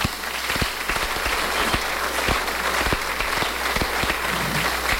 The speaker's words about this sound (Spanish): Fuertes aplausos a Monseñor.